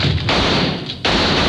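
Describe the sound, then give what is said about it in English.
Loud gunfire with two sharp blasts less than a second apart, each followed by a dense, roaring wash of noise that barely fades between shots, as a man at a house door drops to the floor and shoots back. No voices are heard. “I did what I was trained to do, dropped to the floor and shot back.”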